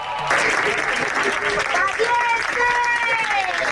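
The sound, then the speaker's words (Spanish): A crowd at Madrid's Barajas airport applauds loudly and steadily from the start, welcoming Spaniards back after Israel detained them while trying to take humanitarian aid to Gaza, with raised voices shouting 'valientes' and cheering over the dense clapping through the second half. “Y así, con aplausos y grito de valientes, fueron recibidos en Madrid, en Barajas.”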